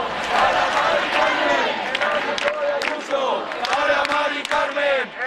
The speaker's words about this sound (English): Crowds chanting there.